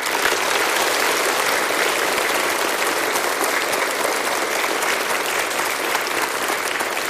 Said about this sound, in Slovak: Už každý druhý obyvateľ Slovenska podľa posledného prieskumu agentúry MNS dôveruje vysielaniu Slovenského rozhlasu. A to si zaslúži veľký potlesk.